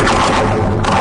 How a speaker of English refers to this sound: This is a bridge. The Golden Gate Bridge in San Francisco. It was recorded by …. She puts contact microphones right on the cables and support towers of bridges. And this is what they record.